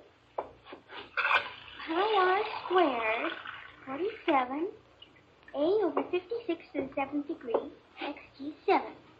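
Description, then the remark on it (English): Water runs steadily from a tap into a glass with a hissing, splashing flow. Wavering, sing-song vocal sounds play over it almost throughout, with brief pauses. “Can I have a glass of water? Oh, of course. I'll get it.”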